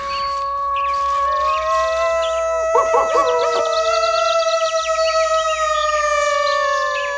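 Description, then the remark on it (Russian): Several gray wolves howl together in long, mournful, plaintive overlapping tones that glide and waver, loud, with a brief shaky, yelping stretch midway through the chorus. “Судя по этим несчастным звукам, не очень-то злыми были эти волки.”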